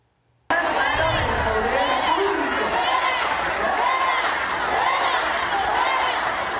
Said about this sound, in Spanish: En las imágenes se ve cómo el público le grita fuera a la manifestante con el megáfono